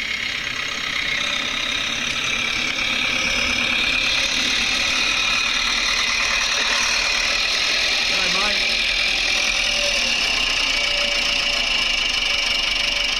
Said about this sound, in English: He's on the little red tractor.